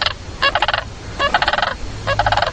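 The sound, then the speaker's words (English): Cranes returning in the evening from the fields to the river give three loud bursts of rolling, purring croo calls, each a rapid stutter of harmonic croaks, with a low rumble running steadily underneath. “They return in the evening, shouting their strange purring croo cry.”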